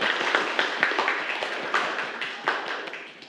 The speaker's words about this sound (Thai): ปรบมือเพื่อนครับ